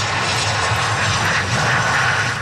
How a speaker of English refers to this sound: Well, a plane carrying four Canadians landed in Victoria last night.